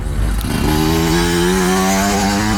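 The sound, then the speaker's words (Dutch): A motocross motorcycle ridden by Jari Helligers revs loudly, climbing in pitch after a brief sputter and holding a steady, buzzing whine for a couple of seconds. “Hoor je zo meteen Jari Helligers met de motocross tijdens een nummer voorbij komen?”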